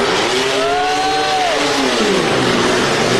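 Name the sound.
pickup truck engine revving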